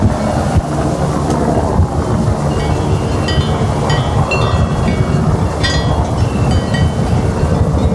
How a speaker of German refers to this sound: Auf der Alp Farur ist es ruhig. Einzig der erwartete Heli von Swiss Helicopter zerreißt die Ruhe auf dem Berg. Für die Heli-Mannschaft steht der Transport von 15 Wassertanks auf über 2300 Meter Höhe auf dem Programm.